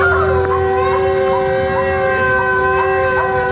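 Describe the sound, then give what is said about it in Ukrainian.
A loud, continuous air raid siren in the centre of Kherson, Ukraine, wails steadily without pause, its sustained tones holding a flat pitch throughout, with faint low rumble beneath and no speech. “У Херсоні звучить тривога. До речі, дуже такий специфічний, безперервний звук.”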